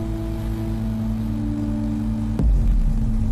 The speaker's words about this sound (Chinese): 无人机的螺旋桨声响彻整个山沟。来来回回间，一棵棵树苗被精准地运送到各个指定位置。